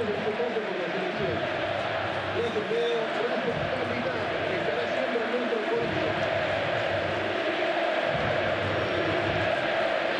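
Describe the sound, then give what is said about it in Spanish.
A stadium crowd applauds in a steady, dense wash of clapping and roar that holds loud for the whole stretch, with a voice talking over it. It is a minute of applause at the 10th minute of a football match, marking Lionel Messi's farewell. “Es el minuto de reconocimiento, de aplauso, donde todos y todas reconocen en la despedida a Lionel Messi.”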